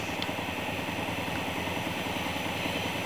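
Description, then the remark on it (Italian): A helicopter of the Italian Air Force's 31st Wing, accompanying the Pope on his visit in Italy, roars, its rotor blades thumping in a fast, steady rhythm beneath a dense rush of engine and wind noise, loud and constant throughout with no voices. “sono assicurati dal 31esimo stormo dell'aeronautica militare italiana, che ha appunto questo compito, questo onore di accompagnare il Papa nelle visite in Italia, quando ovviamente è sufficiente lo spostamento in elicottero.”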